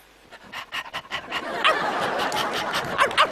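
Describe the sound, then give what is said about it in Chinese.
A man imitates a dog staring at a piece of meat, acting out the dog in a Pavlov conditioned-reflex experiment demonstration, with a run of quick, rhythmic panting huffs that build into a few sharp, barking yelps. No words are spoken. “你是真狗啊！”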